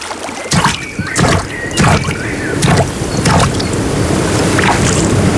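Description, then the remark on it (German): Gentle water laps and sloshes by the water in Bavaria, with a few splashy strokes like paddles dipping into a lake or river, over a steady soft outdoor wash of water. “Hier am Wasser klingt Bayern anders. Hör hin.”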